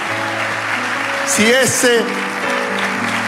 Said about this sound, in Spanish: Si ese aplauso es la expresión de tu agradecimiento, dale un aplauso fuerte.